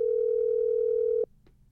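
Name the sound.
telephone dial tone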